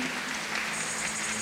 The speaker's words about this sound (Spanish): El aplauso para los que no la vieron.